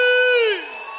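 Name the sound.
crowd shouting and cheering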